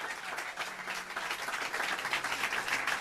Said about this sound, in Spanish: Denle fuertes palmas a Dios.